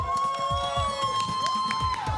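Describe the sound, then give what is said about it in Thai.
A crowd cheers and claps steadily throughout, loud and continuous, with sustained high whoops or whistles ringing over the din and dull thumps underneath, as a competitor in a competition is introduced. “ท่านแรกครับขอเสียงปรบมือกับ X Fire Show”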